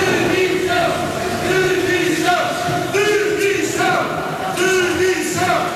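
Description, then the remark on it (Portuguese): A crowd of protesters outside the hall at the Fórum Romeu Correia in Almada shouts 'demissão' (resignation) in a steady, repeating chant. They interrupt a speech by council president Inês de Medeiros. Each loud vocal burst rises and falls about once a second over a continuous roar of many voices. “Ainda antes da discussão da moção de censura, uma intervenção da Presidente de Câmara, Inês de Medeiros, foi interrompida por sonoros protestos fora da sala, no Fórum Romeu Correia, em Almada.”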